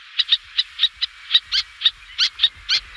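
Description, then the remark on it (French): A little tern's sharp, high-pitched calls repeat rapidly, about a dozen quick chirps in steady succession, clear, with no voices. “Alors, ce cri, encore une fois, ce sont ceux de la sterne naine.”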